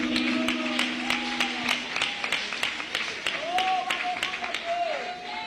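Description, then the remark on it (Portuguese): An audience claps together to welcome a group, applause of victory for Jesus, in a steady, dense wash of applause that lasts for several seconds, with a few raised voices or cheers rising over the clapping. “receber o grupo com palmas de vitória para Jesus.”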